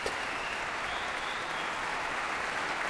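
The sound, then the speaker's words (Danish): A large audience gives a sustained, thunderous standing ovation to pianist Lang Lang after his performance of Rachmaninov's Piano Concerto No. 2 in C minor, a dense unbroken wash of many hands clapping at steady loudness throughout, with no voices standing out. “Der bliver klappet og klappet og klappet. Og folk bliver stående op og klapper.”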